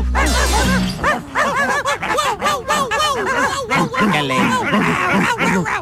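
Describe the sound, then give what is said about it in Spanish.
Several small dogs bark and yap loudly in a rapid, overlapping frenzy that barely pauses for the whole stretch, opening with a sharp burst of noise. “se portaron mis perritos.”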